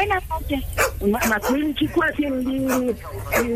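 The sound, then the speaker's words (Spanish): A small dog barks and yips in quick, high-pitched bursts, with voices talking over and between the barks. “Déjale hacer con el perrito aquí.”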